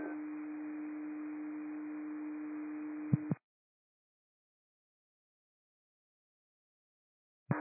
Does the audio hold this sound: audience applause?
no